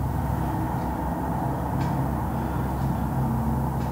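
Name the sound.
traffic noise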